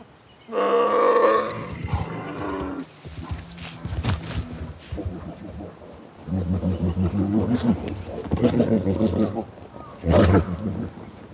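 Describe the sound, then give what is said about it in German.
Loud roaring and deep growls from male bears fighting as rivals over females ready to mate in spring, coming in several harsh bursts with brief pauses, a heavy scuffle of bodies rumbling beneath. “Nun aber treffen Bärenmänner aufeinander als Rivalen.”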